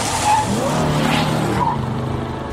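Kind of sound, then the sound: vehicle, car tires skidding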